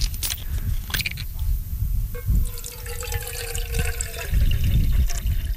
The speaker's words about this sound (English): I'm going to put in some water.